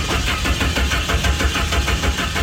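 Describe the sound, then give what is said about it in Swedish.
The engine of Doris, a car that two people can drive together, cranks over and over in a steady, rapid rhythm without catching, because someone has taken parts from it. It is loud, with no voices. “Nu har någon tagit delar av Doris så hon kan inte starta.”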